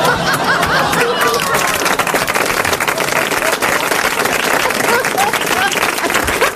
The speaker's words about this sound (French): Applaudis.